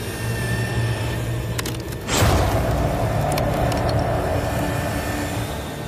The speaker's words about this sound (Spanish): Primero, Dan prueba la herramienta con un hueso de vaca.